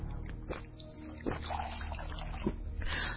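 Water is poured in a few short splashing bursts with a soft trickle between them, followed by quiet sounds of someone drinking the water. No one speaks.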